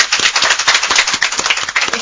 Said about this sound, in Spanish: Pueden aplaudirse, entonces se escuchan, somos varios.